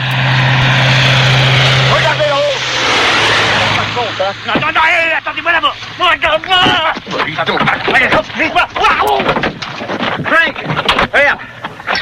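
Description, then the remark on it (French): A propeller airplane engine drones loudly and steadily for the first few seconds, then continues as a lower rumble beneath people talking over it. “Ça va être mon baptême de l'air. Je suis jamais monté dans un avion.”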